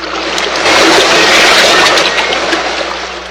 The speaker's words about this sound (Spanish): Ya distingo un inmenso océano. El mar está embravecido. Mira qué inmensas son sus olas. Se estrellan contra las rocas.